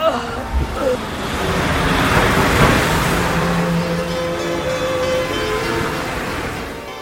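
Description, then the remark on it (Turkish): A car engine roars as the vehicle pulls away and drives off from an accident scene, a steady, fairly loud rushing of engine and road noise that swells and then holds. “Yaralıyı hastaneye götürmek için arabaya bindirdikten sonra sorulacak sorulardan kaçınmak için hemen kaza yerinden uzaklaştım.”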